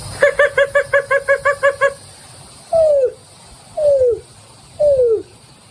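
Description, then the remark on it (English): A person imitates a greater roadrunner call: a quick run of about nine short, clipped notes, then three slow, mournful coos, each sliding downward in pitch. “And I'm going to do a greater roadrunner for the last one.”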